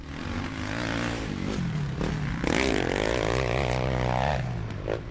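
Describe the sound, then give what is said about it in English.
Dirt bike engines rev loudly with a buzzing, raspy whine, the pitch climbing steeply mid-way, holding high, then dropping off, over a steady lower engine drone and no talking. “The sound of dirt bikes often being ridden on footpaths and dangerously.”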